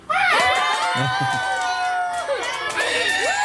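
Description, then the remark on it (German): A school class shouts and screams together on a count of three in one loud, sustained burst of cheering, with a few quick claps near the start, energetic throughout. “Und jetzt dürfen einmal alle ganz laut sein, damit man hört, wie viele ihr seid.”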